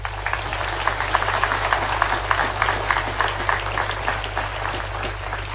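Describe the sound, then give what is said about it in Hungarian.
A crowd applauds four twelfth-grade students steadily, many hands clapping in a dense, even patter that holds at a fairly loud level for several seconds, with a low constant hum underneath and no voices. “Megérdemelnek egy tapsot.”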